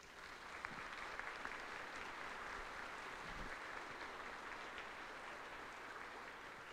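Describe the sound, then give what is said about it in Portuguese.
An audience applauds steadily for several seconds to welcome new believers into the family of Christians: a dense, even wash of clapping hands that holds at a constant level without pauses or speech. “Que vamos acolher-os com a calorosa salva de palmas.”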